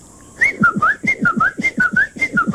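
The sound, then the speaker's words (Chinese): A person whistles an imitation of a Chinese bamboo partridge call: a rapid series of about a dozen rising, slurred notes in a steady, insistent rhythm, fairly loud, with breathy pulses underneath. “然后呢，也有一些我们说的一个竹鸡哈，竹鸡。”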